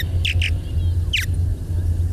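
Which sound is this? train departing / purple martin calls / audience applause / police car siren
purple martin calls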